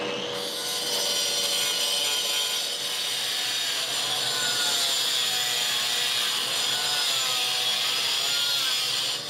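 A loud, steady whine of a power tool removing mortar in a workshop's dust room, grinding against hard material, continuous, with a harsh high-pitched rasp and no speech.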